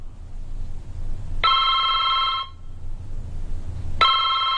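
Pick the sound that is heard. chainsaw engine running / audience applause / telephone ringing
telephone ringing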